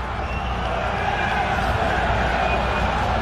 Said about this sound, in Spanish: Oye, esa ovación, Fernando. Por Neymar.